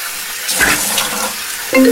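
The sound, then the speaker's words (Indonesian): Water gushes steadily from a tap with splashing bursts as someone washes their face, and a brief tonal chime or ring cuts in near the end. “Cuci muka dulu deh, biar gak ngantuk.”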